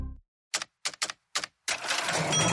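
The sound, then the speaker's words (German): An old cash register rings up a sale: four sharp mechanical key clacks in an uneven rhythm, then a bright bell ding over a loud, sustained rattle of the drawer sliding open. “Katsching!”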